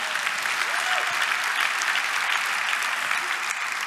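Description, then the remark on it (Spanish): A crowd claps steadily and loudly throughout, a dense wash of many hands applauding together with no break. The crowd is giving applause to the Lord at a speaker's call. “Dale aplauso al Señor.”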